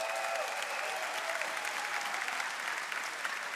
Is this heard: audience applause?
yes